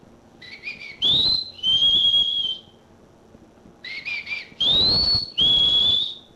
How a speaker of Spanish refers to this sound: ¡Solo chiflele, hombre!